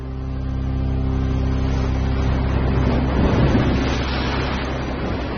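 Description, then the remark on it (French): A loud, steady motorboat engine drones with a low rumbling hum as the young captain starts the engines and pulls away quickly from the mother ship, joined by rushing water and wash that swell midway as the boat speeds away. No one speaks. “le jeune capitaine, met les moteurs et on s'éloigne rapidement du bateau-mère.”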